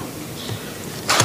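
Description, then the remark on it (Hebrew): A single sharp sneeze bursts out at the very end, a short breathy, hissing explosion that follows a stretch of faint, steady background noise. “לבריאות.”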